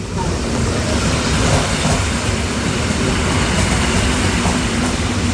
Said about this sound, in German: So, die S-Bahn fährt jetzt gerade ein hier.